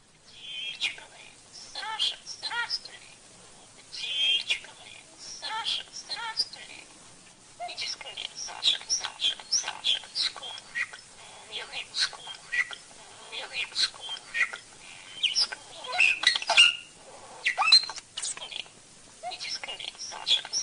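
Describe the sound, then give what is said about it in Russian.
A pet starling named Sasha mimics human speech, phrases such as "Sasha, hello, my bird!" and "Dear starling, come quickly!", in a thin, raspy, whisper-like voice, running continuously with quick high chirps and clicks mixed in, soft. “Скворец и научился выговаривать эти слова, и еще многие другие.”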